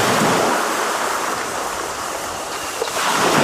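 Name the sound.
ocean waves surf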